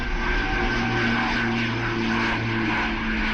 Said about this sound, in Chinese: 飞机立即加速，同时拉起机头进行复飞。 拉起来了，成功了！ 飞机又升到了天空。